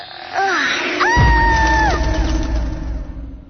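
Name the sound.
woman screaming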